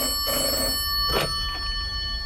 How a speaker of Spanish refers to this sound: Por fin suena el teléfono. La joven escritora descuelga.